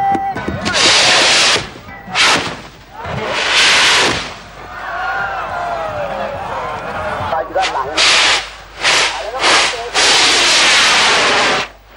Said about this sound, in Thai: บ้างไฟหมื่นบ้างไฟแสนลำแล้วลำเล่าถูกจุดขึ้นสู่ท้องฟ้าเพื่อร้องเตือนพญาแถนให้บันดาลฝนลงมายังโลก